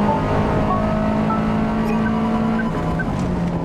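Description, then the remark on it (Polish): A racing car engine roars loud as the throttle is applied, a dense continuous drone holding a fairly steady pitch for a few seconds, with no voices over it. “Dajemy gazu.”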